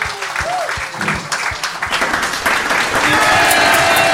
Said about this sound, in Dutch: Heeft hem een daverend applaus, dames en heren.